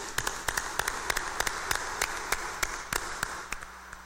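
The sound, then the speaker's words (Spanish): A crowd applauds in congratulation, many hands clapping in a dense, steady patter with sharper individual claps standing out, moderately loud and sustained for several seconds without any talking. “démosle un fuerte aplauso de felicitación.”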